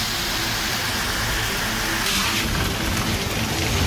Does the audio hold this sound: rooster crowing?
no